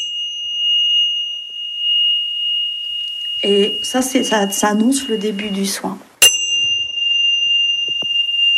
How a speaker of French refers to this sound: La petite cloche qui va bien. C'est joli, hein?